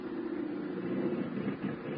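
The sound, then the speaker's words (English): An aircraft engine drones steadily for two seconds, a low, muffled roar with a slightly uneven, wavering texture, as if running rough; one engine of the aircraft, C-428, sounds bad as it lets down to about 50 feet on instructions from San Jose Tower. No voices are heard. “One engine sounds bad.”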